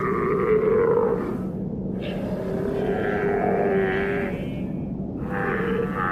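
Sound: antarctic seals vocalizing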